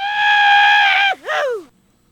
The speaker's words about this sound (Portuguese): Quem tá apaixonado aí, dá um grito.